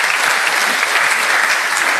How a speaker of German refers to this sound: Ein Applaus für die Technik.